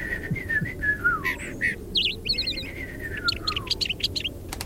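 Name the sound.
small songbird singing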